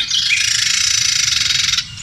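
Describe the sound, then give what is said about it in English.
An agitated Carolina wren gives a harsh, rapid rattling chatter, one continuous buzzy burst lasting nearly two seconds, loud against a faint low background rumble. “Is that the same bird? That is a Carolina Wren as well.”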